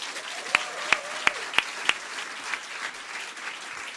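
An audience applauds steadily for four seconds, a wash of many hands clapping at moderate loudness, with five sharp, louder individual claps standing out in the first two seconds.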